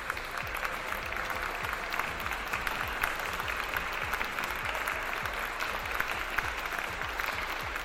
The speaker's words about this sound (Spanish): Qué grosera que usted no me aplaudió, no me aplaudieron con la música que canté. Aquí van los aplausos, es que se me habían perdido.